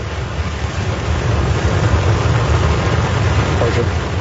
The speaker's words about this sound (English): On a picture-perfect early morning, 33 engines of Starship's Super Heavy booster roared to life.